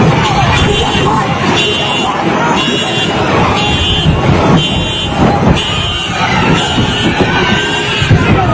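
Repeated metallic banging from cars being damaged rings out over blaring car alarms and horns, with a noisy crowd shouting in the background; the chaotic scene stays loud throughout.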